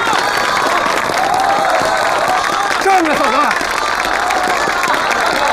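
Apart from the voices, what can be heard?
audience applause and cheering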